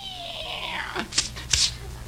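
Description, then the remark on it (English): A single drawn-out cat meow sliding downward in pitch over about a second, followed by a few short breathy, hissing bursts against a faint background hum. “Rochester, did you feed the cat?”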